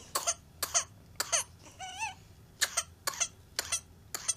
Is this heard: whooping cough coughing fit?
yes